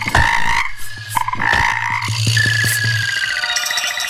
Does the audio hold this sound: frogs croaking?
yes